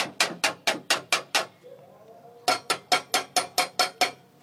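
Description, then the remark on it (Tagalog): Someone bangs hard on a metal gate that has no doorbell, on Ilang-Ilang Street: six sharp, rapid clangs, a brief pause filled with a faint metallic ring, then eight more even, insistent blows. No voices are heard. “Wala sang doorbell. Palpagong ko na lang ang gate ah.”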